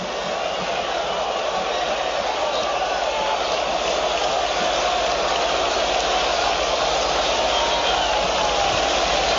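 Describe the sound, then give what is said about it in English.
A steady, even hiss of light rain falling over an open ballpark in Cleveland during a baseball game, having picked up around the first pitch, constant for the whole stretch with a faint murmur of crowd ambience beneath and no voices. “Light rain that just picked up right around first pitch.”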